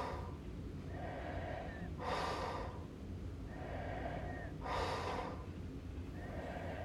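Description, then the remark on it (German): Slow, steady sleep breathing with a faint, borderline snore: soft throaty inhales alternate with breathy, hissing exhales, repeating in a rhythm of about two and a half seconds. There is no talking. “Dies ist ein Grenzfall von Schnarchen, denn das vollklingende, im Schlaf erzeugte Schnorcheln, Krächzen, Schaben oder Würgen ist hier sehr schlecht ausgeprägt.”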